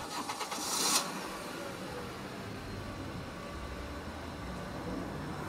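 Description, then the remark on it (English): The newly rebuilt engine of an old Stegelak 900 car cranks with a few quick rhythmic bursts for about a second, then catches and settles into a steady, low rumble that continues to the end. “With its newly rebuilt engine, my car was cruising up the interstate under full power.”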